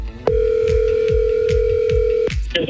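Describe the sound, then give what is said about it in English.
A single steady electronic ring tone of a phone ringing on the line during a CHFI Cash Call radio contest call, lasting about two seconds, loud, with a faint rhythmic thumping underneath and no talking. “Four rings to pick up for $1,000.”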